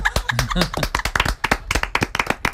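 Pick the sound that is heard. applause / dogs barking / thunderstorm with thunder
applause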